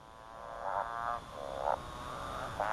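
A motorbike frog calls in repeated revving, rising notes, each a short buzzy burst about half a second apart, clear over a steady background hum of insects or water.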